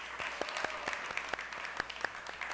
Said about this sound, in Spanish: Doctor, bienvenido. Muchísimas gracias por estar con nosotros. Un fuerte aplauso también al doctor.